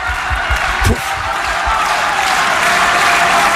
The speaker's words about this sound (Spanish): Aplaude la Susan Lenglen.